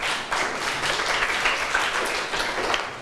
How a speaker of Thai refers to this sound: นักเรียนเก่งมากๆปรบมือให้ตัวเองหน่อยค่ะ